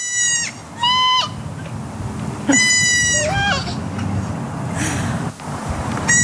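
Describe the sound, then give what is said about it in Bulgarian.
High, wavering bleats of a young goat trade back and forth with a little girl's voice mimicking them, several short calls in a back-and-forth exchange over soft outdoor background noise. “Момиченце и козле са си поговорили в кавички на един език, да видим или да чуем, може би.”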